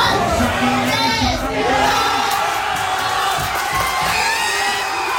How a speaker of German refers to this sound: Am Ende dann das Tor in der Verlängerung der Spanier durch Ferran Torres. 106. Minute und die Argentinier haben in Unterzahl dann am Ende verloren. Und das sorgte natürlich für großen Jubel beim Schlusspfiff.